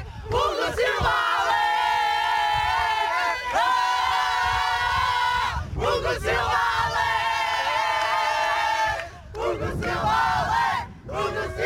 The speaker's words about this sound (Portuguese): Grito de felicidade das jogadoras a puxarem pelo selecionador no fim de festa deste Portugal 3, Roménia 2, Portugal com o passaporte para os oitavos de final do Campeonato da Europa de Voleibol Feminino.